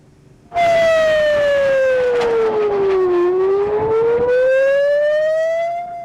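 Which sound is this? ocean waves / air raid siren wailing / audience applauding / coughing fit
air raid siren wailing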